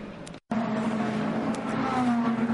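The number 36 Alpine race car, driven by Jules Gounon, drives slowly into the pits for a driver change, its engine droning steadily at a low, even pitch, the tone wavering slightly, with a brief dropout near the start and no voices.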